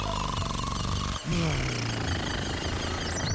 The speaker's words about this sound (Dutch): Langdurige gesnurk. Ja, sommige mensen die kunnen daar gewoon niet van slapen.